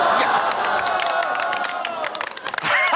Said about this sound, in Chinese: 我这叫碰瓷儿，鼓掌！